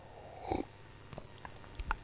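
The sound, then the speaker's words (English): A short, airy slurp of hot coffee on a radio show, drunk at the studio desk, followed by a few faint clicks and then a second, louder slurping burst at the end. No one speaks. “So here's a slurp for proof that ever.”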